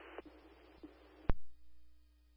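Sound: radio dispatch alert tones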